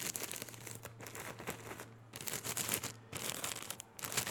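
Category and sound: household object, paper being crumpled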